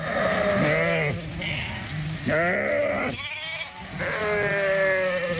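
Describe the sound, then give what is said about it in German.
A large flock of sheep, driven by the Bayer Leverkusen women's Bundesliga team at the Kolmberg near Neuhof an der Zenn in Middle Franconia, bleat loudly in three long, wavering calls with short gaps between, other bleats overlapping faintly, over a steady rustling background hiss. “Wie die Fränkische Landeszeitung berichtet, hat sie am Kolmberg bei Neuhof an der Zenn eine große Schafherde getrieben.”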